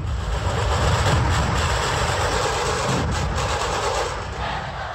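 A dense, loud wall of massed drumming from more than 4000 dhol and tasha drums playing together in Nagpur on a Sunday, setting a world record, rapid beats blurring into a continuous rumbling roar with sharp metallic crackle, steady for the whole stretch.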